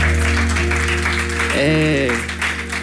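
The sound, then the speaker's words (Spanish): A concert crowd applauds a performer with a dense, steady wash of clapping that stays loud throughout, and a voice briefly sounds over it partway through. “No aplaudan.”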